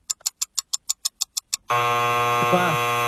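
A quick run of about ten sharp ticking beeps counts down, then a loud, harsh game-show buzzer blares steadily for over a second, signalling time is up.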